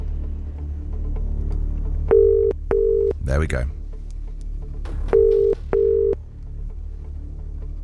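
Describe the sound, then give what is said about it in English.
A telephone ringing tone sounds twice down the line as a number is dialled for a BBC Radio 2 call to New Zealand, each a steady double burst, fairly loud and clear, with a brief rustle between them and a short spoken remark. “Here we go, here come the pips. We'll dial the number.”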